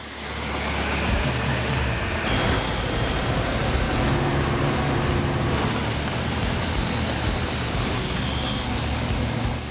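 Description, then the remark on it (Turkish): An approaching train rumbles in a steady, loud roar, with deep low droning and a faint high-pitched whine riding on top, continuing without a break and with no voices. “Gidelim, tren geliyor.”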